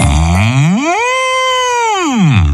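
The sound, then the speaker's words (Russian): A bull lets out one long, loud moo, its pitch swelling upward, holding steady, then sliding back down as it fades. No one speaks. “Идет опять зайчик, ему навстречу бык.”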